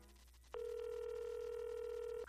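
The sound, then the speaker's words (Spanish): A steady telephone dial tone hums for almost two seconds, then cuts off as a short dialing beep sounds at the end, as a phone is used to call from a bathroom. The line is clear, with no voices. “Tomé el teléfono y lo llevé al baño desde donde llamé al padre de mi novia”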